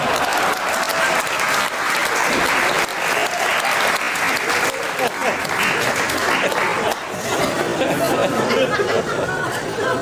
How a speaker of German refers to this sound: Was ich sagen wollte ist, dass ich dieses Programm, ein Applaus für meine Assistentin